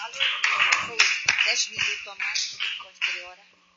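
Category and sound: crowd, audience clapping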